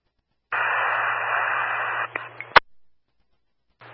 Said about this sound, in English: Last unit, all static. Still static.